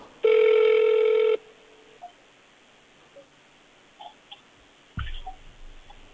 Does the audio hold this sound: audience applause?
no